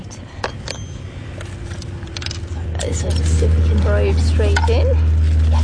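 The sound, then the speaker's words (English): Gritty scraping and crunching as a skewer is pushed into soil to make a hole, then a probe, a contact microphone that picks up vibrations in the soil, is pushed in, over a steady low hum, with faint voices in the background toward the end. “This will make a hole. So just putting a skewer in there.”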